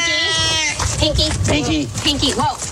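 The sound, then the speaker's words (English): A male domestic shorthair cat lets out a loud, drawn-out yowl at the start, its wavering cry prominent, before people start talking excitedly over the remaining moments. “We got a wild cat on our hands.”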